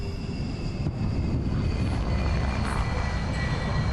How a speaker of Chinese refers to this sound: 过了些日子，一架飞机降落在机场。